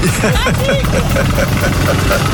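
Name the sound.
tractor engine running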